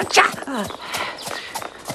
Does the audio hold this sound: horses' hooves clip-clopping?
yes